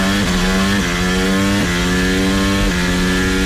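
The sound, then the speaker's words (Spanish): A loud, high-pitched Formula 1 racing engine screams continuously on an urban street circuit through the city streets of Madrid, its pitch climbing and then dropping sharply about three times as it shifts gears. No voices. “Coches por las calles de la ciudad. La Fórmula 1 en el circuito urbano que entusiasma a los aficionados y a la Comunidad de Madrid, pero irrita a gran parte de los 14.000 vecinos directamente afectados, que van a soportar ruidos muy superiores”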